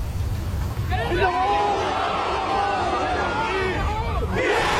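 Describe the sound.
A large golf crowd around the 18th green erupts into loud, sustained cheering and whooping as McIlroy makes an eagle putt on the last hole, a roaring wall of voices with rising shouts that holds steady for several seconds.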